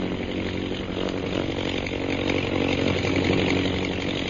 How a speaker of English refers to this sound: Oh, Ronnie, see how those bombing planes are circling?